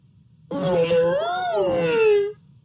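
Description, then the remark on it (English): A voice imitates Uncle Elephant trumpeting to welcome the dawn: one loud, sustained, wavering call about two seconds long that swells, bends upward in pitch, then slides down before cutting off abruptly. “Trumpeted Uncle Elephant.”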